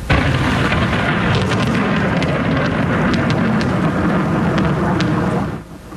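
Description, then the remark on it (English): A long, loud roll of thunder from a lightning storm over Vancouver rumbles deep and steady for about six seconds, with sharp crackling snaps scattered over the top, before it suddenly drops away at the very end. “People in Vancouver were treated to a spectacular lightning show last night.”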